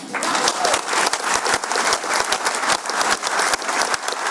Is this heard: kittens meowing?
no